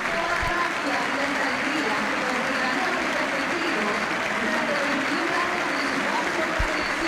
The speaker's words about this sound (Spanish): Minuto 10, minuto de reconocimiento para Messi, la gente de pie. La gente lo aplaude. Escuchen, escuchen.